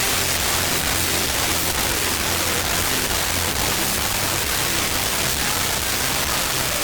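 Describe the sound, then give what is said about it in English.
A song by a band playing at the Louder Than Life festival, cranked up into distortion, plays almost completely buried under loud, continuous static, a dense hiss that fills the whole stretch evenly, with only faint low musical tones poking through. No one speaks. “If you can tell me who the band is through the static, you are getting qualified for Louder Than Life passes.”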